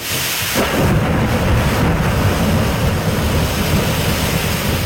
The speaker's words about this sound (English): Wild stuff out there. We are watching the weather closely tonight as thunderstorms have rolled through the region.